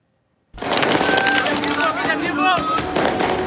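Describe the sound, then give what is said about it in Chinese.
Fireworks crackle and pop continuously in Baghdad, Iraq, on September 30, set off from evening into the night as people celebrate foreign forces leaving. After a brief silence come dense bursts and whistling streaks amid a lively outdoor crowd murmur, loud throughout. “9月30号，巴格达的烟花从傍晚放到深夜，从巴格达的解放广场到南部的巴士拉，从什叶派圣城纳杰夫到刚刚奉旨外宾的埃尔比勒，人们挥舞国旗庆祝外国战车终于从城市干道和主干基地消失。”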